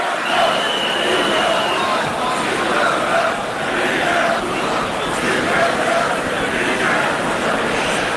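A large protest crowd at the Patum festival roars and shouts continuously against Sílvia Orriols, mayor of Ripoll, at steady volume, with a sustained high-pitched whistle cutting through early on and scattered fainter whistles and yells amid the din.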